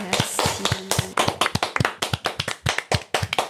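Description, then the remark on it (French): Audience applause for a singer, with sharp, distinct claps in a quick, fairly steady rhythm, loud and crisp throughout, with a faint voice briefly audible underneath at the start. “bravo, on t'applaudit très fort.”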